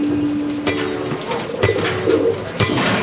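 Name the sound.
pigeons cooing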